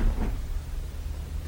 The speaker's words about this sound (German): Ich ging wieder auf den Gang hinaus und zog die Tür hinter mir zu.